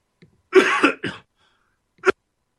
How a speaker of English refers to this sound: let me cough here.